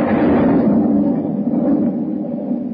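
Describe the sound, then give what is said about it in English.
A steady, dense hiss of heavy rain beginning to fall, heard with a porthole open, with a deep rumble of thunder rolling underneath, continuous and fairly loud throughout, with no voices. “It's beginning to rain.”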